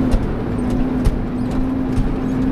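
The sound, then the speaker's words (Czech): A car rumbles steadily along a rough temporary dirt access road by a dam, its engine droning while irregular thuds and knocks break through as the wheels jolt over bumps and holes. “Pěkně s autem jenom skáčeme v těch dírách.”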